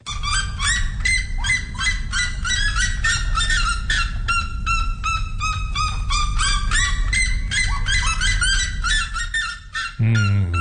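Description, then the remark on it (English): A loud, relentless series of sharp yelping calls from a red-legged seriema, one of the world's loudest birds, rapid barking notes repeating in quick rhythm for about ten seconds, with a low rumble of background noise beneath. “its equally loud colleague, the red-legged Sarayima.”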